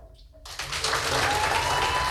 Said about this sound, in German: Wie klang nochmal so ein 8-Punkte-Applaus?